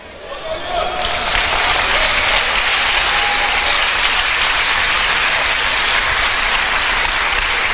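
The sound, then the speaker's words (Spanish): A large crowd, Luis Palau among those applauding, bursts into applause, swelling quickly in the first second and then holding a dense, steady roar of clapping for several seconds. “Pero oíme, no solamente fue Luis Palau aplaudiendo”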